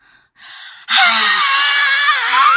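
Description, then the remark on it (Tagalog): A person screams loudly, a brief breathy gasp leading into a sustained, piercing high-pitched cry that holds for about two seconds, with no talking. “Una, musinggit ko.”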